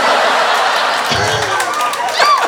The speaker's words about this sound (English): You should work with dolphins. You can make them do all sorts of flippies with a whistle like that.